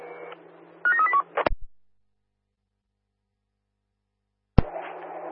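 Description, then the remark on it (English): A short burst of telephone dialing to call an underground phone: a quick run of stepped keypad tones over a steady low hum, then a sharp click, a few seconds of silence, and another click as the hum returns. “Would you mind giving the underground phone a call, please?”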